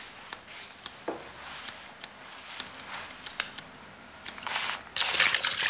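Scissors snip and click as hair is cut at a hair salon, a quick irregular string of sharp metallic clicks, followed at the end by a steady airy hiss.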